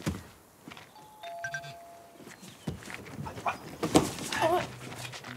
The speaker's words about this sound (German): Naja, ich klingel mal.